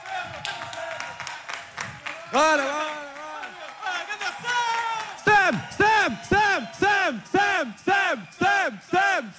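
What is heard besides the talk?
audience applause and cheering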